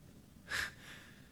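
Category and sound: human body sound, snoring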